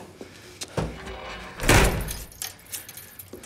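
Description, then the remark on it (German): Keys jangle in short metallic bursts as a door is unlocked, then the door shuts with a loud, broad thud around the middle, followed by more faint clinking and small handling noises. “Tür zu. Schnell.”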